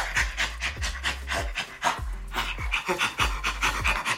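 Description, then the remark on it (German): A great ape laughing in a rapid series of breathy, rhythmic pants, loud and continuous for several seconds, with low grunting pulses beneath the airy huffs. “Das zweite war ein Menschenaffe, der lacht.”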